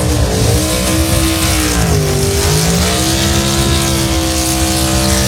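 Loud, continuous roar of high-revving race car engines, pitch sweeping down and back up as the cars accelerate and shift, with a dense wall of engine noise and no talking.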